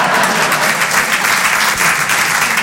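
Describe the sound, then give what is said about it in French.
Sustained applause from an audience fills the whole stretch, a dense, steady wash of many hands clapping at once, loud, with no voices standing out above it. “Oui, on peut applaudir la façon dont je baisse ma femme.”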